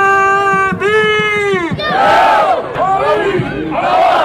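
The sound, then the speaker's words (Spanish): A crowd of about 500 football fans at a training session of the Leones at the Lezama facilities chants in unison, holding long sung notes, then bursts into loud, swelling cheers and shouts that rise and fall in waves. “500 aficionados y aficionadas, y porque el aforo era cerrado, han vivido, sí, en primera línea, la sesión de trabajo hoy de los Leones en las instalaciones de Lezama, que después han estado firmando autógrafos, sacando fotografías y demás.”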